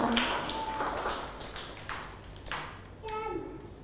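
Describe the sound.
A small group claps in scattered, uneven bursts for a few seconds, the crisp hand slaps fairly soft, while children's voices and brief vocal sounds chime in over the applause.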